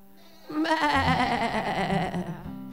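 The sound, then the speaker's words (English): A person imitates a goat with one long, wavering bleat lasting about two seconds, loud, its quavering rhythmic tremble clearly mimicking a real goat's cry. “You can't say hello like a man. You can't go meow, cackle, quack to a goat. Remember, you have to say what?”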